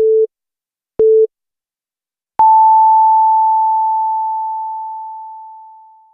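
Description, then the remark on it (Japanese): Two short, mid-pitched electronic beeps a second apart, then a long, higher tone that starts loud and slowly fades out over several seconds, the classic radio time-signal pattern marking 12 o'clock noon, a time signal presented by the confectioner Ishiya Seika, maker of Shiroi Koibito. “白い恋人の石屋製菓が12時をお知らせします。”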